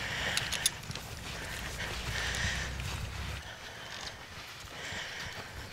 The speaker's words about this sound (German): So, wir gehen jetzt einen sehr gemächlichen Schritt mit diesem Pferd.